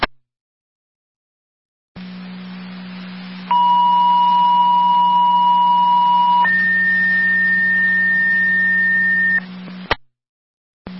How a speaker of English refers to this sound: Fire Control to Wilson, second set of tones. EMT Manpower requested your help for the QMS call to 995 Randall Road.